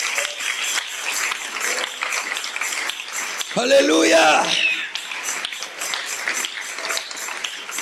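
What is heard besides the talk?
audience applause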